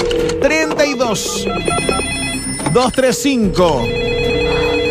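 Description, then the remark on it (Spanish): A telephone rings with steady electronic tones and short repeated beeps, fairly loud, while people talk over it throughout. “Busco al primer despierto. Vía telefónica.”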